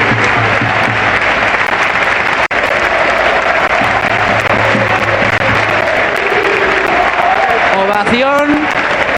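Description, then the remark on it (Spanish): A large stadium crowd at the Martínez Valero stadium in Elche applauds steadily as a player is handed a golden plaque bearing the Elche crest before a match, a dense, loud wash of clapping that fills the whole stretch, with faint voices and a brief whistle-like rising tone near the end. “ahora le están entregando a Mikel Oyarzabal esa placa y el aplauso unánime”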